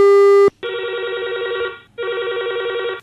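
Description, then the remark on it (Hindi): A telephone rings loudly for an incoming listener call to the program Tuhar Goth Hamar Geet: a brief steady electronic beep, then two long warbling ring bursts separated by a short pause, with no one speaking. “Hello hello, है दे कौन संगी फोन लगा रही है और कट गए भाई।”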